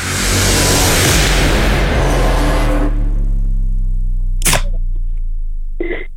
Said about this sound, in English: Well, the car's going past.